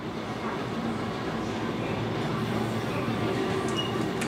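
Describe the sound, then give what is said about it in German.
A train on the Kurobe Gorge railway in Japan rumbles along steadily, its dense low-frequency roar constant throughout with faint wheel squeals and clatter, loud with a hint of voices underneath. “Die Bahnfahrt durch die Schlucht ist einer der Publikumsmagnete in Japan.”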